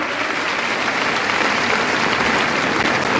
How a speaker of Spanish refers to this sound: Hermana mía, yo creo que no es casualidad de la historia que seamos aproximadamente 12,000 mujeres aquí en este lugar. Eso se merece un aplauso a nuestro Dios victorioso.